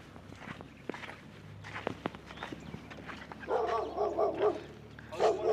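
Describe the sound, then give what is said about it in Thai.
Footsteps shuffle along at first, then a dog barks in a quick run of four or five sharp yaps, pauses, and barks once more near the end, fairly close and loud. “เห็นไหมอัน นี้เหรอใช่ค่ะที่มีน้องหมา”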